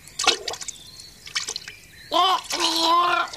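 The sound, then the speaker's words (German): A splash as someone jumps from a stone into water and has to swim, followed by brief sloshing and dripping, then a voice calling out over the churning water. “Hey, das trägt mich ja gar nicht. Ich muss schwimmen.”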